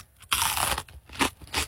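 Crunchy chewing of a first bite of a chicken, pork and vegetable ragout: one loud bite followed by a few wet, crackling chews in quick succession, with no voices.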